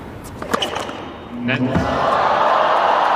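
A tennis serve clocked at 183 is struck with a sharp thwack at match point for an Armenian player, and a moment later the crowd, thinking it an ace, erupts in cheering that swells into a loud, sustained roar lasting to the end, though the umpire called a let.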